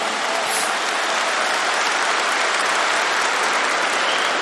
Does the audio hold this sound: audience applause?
yes